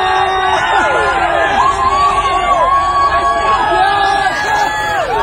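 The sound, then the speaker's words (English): A large crowd of Newcastle Knights rugby fans cheers outdoors in Newcastle in the rain and cold, waving at the bus bringing the Knights back. The cheering is loud and sustained, with many overlapping voices whooping and shouting in rising and falling calls throughout. “all in Newcastle, and the Newcastle Knights were coming back to Newcastle on their bus as all these fans, of course, braved the rain and also all of the cold weather, and they were all out there waving at the bus, and here they were.”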